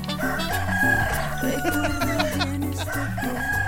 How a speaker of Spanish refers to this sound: Y los gallos al fondo.